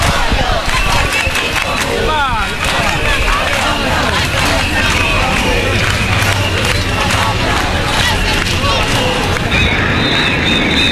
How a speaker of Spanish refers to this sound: Son 25.000 personas que se juntaron para manifestarse contra la turistificación de la isla por el desborde, contra el desborde turístico. Y es una manifestación que convocó la asociación Menys Turisme Més Vida